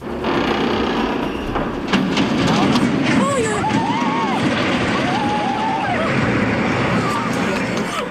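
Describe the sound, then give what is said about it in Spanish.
Huge iron beams bend, groaning and squealing in long, wavering creaks over a loud, continuous roar of rumbling debris and astonished residents as the San Miguel de Arcos bridge collapses into the river in Arcos. “Son los chirridos de enormes vigas de hierro al doblarse, el estruendo del puente de San Miguel de Arcos al caer al río y el asombro de los vecinos.”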